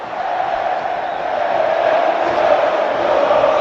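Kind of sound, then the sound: crowd, stadium crowd cheering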